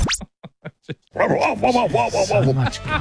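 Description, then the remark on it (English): A dog lets out a few short, sharp barks, then breaks into a longer run of whiny, yowling vocalizing that fills the rest of the moment. “Go the bark one more time.”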